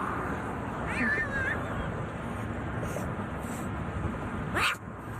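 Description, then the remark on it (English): A little black kitten on the median of a busy highway in New York City meows twice as it is picked up during a rescue, a drawn-out wavering cry followed a few seconds later by a sharp rising squeal, over a steady roar of traffic. “Yeah, the animal not happy to get picked up, but thankfully it was led to safety.”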